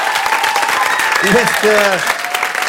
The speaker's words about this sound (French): Merci à vous. Merci, on peut encore t'applaudir bien fort.